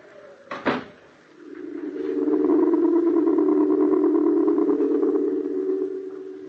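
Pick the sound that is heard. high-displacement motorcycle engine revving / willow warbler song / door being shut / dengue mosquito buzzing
door being shut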